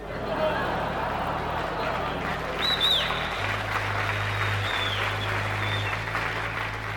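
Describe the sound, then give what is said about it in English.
Dense, continuous crowd noise fills the whole stretch, a steady roar of many voices with clapping-like texture, a low droning hum underneath and a few brief higher whistles or squeals. “The crowds are fantastic.”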